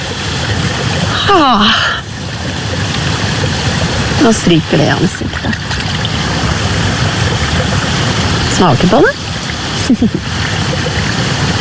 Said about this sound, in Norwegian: Det ingenting over, og så plutselig så bare kommer det ut og pipler fram mellom steiner og mellom det grønn mose akkurat.